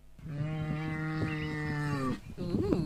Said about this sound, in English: All right. Here's the second cow.